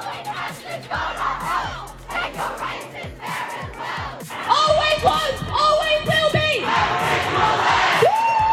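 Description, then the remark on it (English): A crowd of hundreds of students protesting against One Nation on the town hall steps in Sydney chants and shouts together, a loud, continuous roar of voices with rhythmic pulses and rising yells that swell louder in the second half. “Students across the country have rallied together in a protest against One Nation.”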